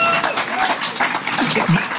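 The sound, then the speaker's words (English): A crowd claps steadily for two seconds for a band after its live performance that night, a dense, even wash of many hands at a fairly loud, constant level, with a faint voice or cheer rising briefly near the end. “And I think that almost deserves another round of applause for the job that they did.”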